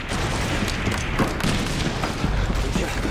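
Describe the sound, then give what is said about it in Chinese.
Heavy gunfire crackles and booms in a dense, continuous barrage, with repeated sharp shots bursting out of a loud, rumbling battle din and no clear pauses. “我关帝周围的枪声是多么的猛烈！”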